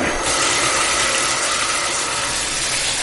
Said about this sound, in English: Okay, that's beginning to fill up. Kind of what you expect from a bathtub. Yeah, it's filling up pretty nicely.